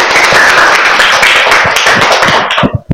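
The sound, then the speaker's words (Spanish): A group of schoolchildren applauds to welcome the administrator of the San Martín de Porres cooperative, San José de Sisa branch: a loud, dense burst of rapid overlapping claps that holds steady, then thins out into a few scattered final claps before stopping. “Entonces, les recibimos con fuerte aplauso al administrador de la cooperativa San Martín de Porres, sede San José de Sisa.”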